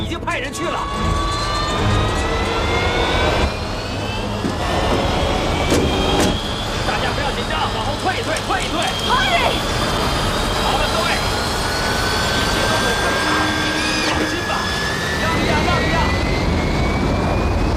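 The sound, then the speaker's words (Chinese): A jet aircraft engine runs as a pilot prepares to take off, a loud, steady roar with a high turbine whine that climbs in pitch as it spools up, while muffled voices come through underneath. “哈瑞，你有十几年没有魔鬼飞机了，这可不是你以前开过的。”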